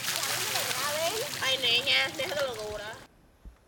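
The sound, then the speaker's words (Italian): Steady splashing and running water fills the scene as children and horses are washed together outdoors, with lively voices calling over it, then the sound cuts off abruptly into near silence. “Ci si lava insieme all'aperto, bambini e cavalli.”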